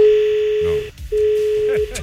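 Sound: telephone line tones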